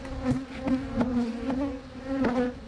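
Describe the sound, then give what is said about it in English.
A steady buzzing of bees drones continuously, with a strong hum that swells and fades as the insects move about, punctuated by brief louder passes. “Coming up in just a moment, these are some of nature's busiest workers.”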